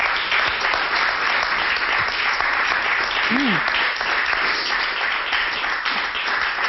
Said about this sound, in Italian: Come non farlo questo applauso?